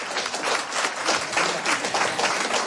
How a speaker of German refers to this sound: Ja, Sie dürfen ruhig klatschen.